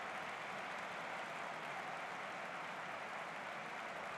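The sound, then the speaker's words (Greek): A large football stadium crowd applauds during a substitution as Dutch player Feltman takes the place of Castellanos, who scored two goals, in a steady, continuous, fairly soft wash of clapping with no voices standing out over it. “Θα περάσει τη θέση του Καστεγιάνος για να πάρει και αυτός το χειροκρότημα.”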